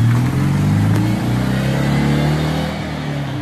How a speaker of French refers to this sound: Le son très caractéristique de la 2 chevaux qui ne sera forcément plus le même puisque la nouvelle version sera électrique.